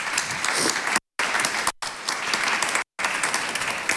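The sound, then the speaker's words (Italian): A big round of audience applause welcoming guest Linda Laura Sabadini: dense, steady clapping from many hands filling the whole clip, loud and even, broken only by a few brief gaps. “Quindi accogliamo con un grande applauso Linda Laura Sabadini.”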